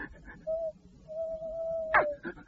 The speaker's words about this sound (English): Oh, crikey! It's a ghost! It's a ghost! No, it isn't a ghost. It's an owl, got it.